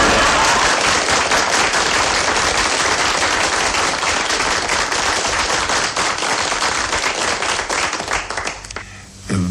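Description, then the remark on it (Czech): Loud, sustained applause from a large audience of relatives, dense continuous clapping, tapering off near the end as a few scattered claps remain. “Myslím, aby se diváci nenechali mýlit tím velkým potleskem, to jsou sami mý příbuzní tady, nejen v Brně, ale v Řicmanicích a v Ivančicích.”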